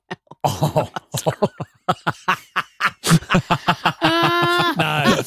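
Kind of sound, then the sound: human body sound, cough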